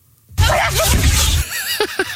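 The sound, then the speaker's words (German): An alligator sneezes in a video that went viral online: one abrupt, loud, breathy burst lasting about a second, followed by a few short squeaky, chirping sounds as it fades. No one speaks. “Dieser lebende Dinosaurier, diese Killermaschine, dieser Alligator, der niest, Achtung, so. Wollt ihr es nochmal hören?”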